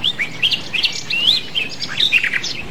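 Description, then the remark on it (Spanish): Birds chirp and sing continuously at dawn in the mountains of Morganton City, West Virginia, in a lively overlapping chorus of high, warbling tweets and quick trills, clear, with no talking. “Aquí lo que escuchamos son ahorita los cánticos de los pajaritos”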